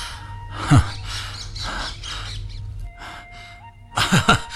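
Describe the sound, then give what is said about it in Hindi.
A pet parrot named Mitthu lets out a few sharp chirps: one shrill call early on, then a quick pair of squawky chirps near the end, with soft rustling noise in between and no talking. “अरे अरे मिट्ठू, अरे मेरे तोते, आओ आओ आओ आत्मा राम।”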